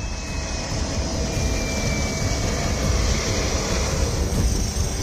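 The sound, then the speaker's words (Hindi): A helicopter roars as it lifts off at the Nuwakot airbase in Nepal during disaster relief operations, its engine whine and rotor noise forming a loud, steady wash of sound that fills the whole stretch with no voices. “नेपाल में आपदाग्रस्त इलाकों की हालत कैसी है, इसको ऐसे समझिए कि नुवाकोट एयरबेस पर एक हेलीकॉप्टर ठीक से लैंड भी नहीं कर पाता कि दूसरा टेक ऑफ कर जाता है।”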